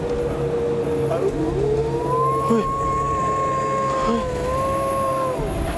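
A dog's long, wavering howl rises and holds for several seconds, drifting slightly in pitch before fading, heard over a steady hiss of outdoor background noise.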